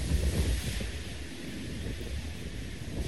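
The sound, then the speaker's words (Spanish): Steady roar of ocean surf breaking along the shore at the Pueblo Hundido sector in Lota, a continuous wash of noise with a heavy low rumble and gusty wind buffeting the microphone, swelling slightly at the start and end. “La rompiente de olas también.”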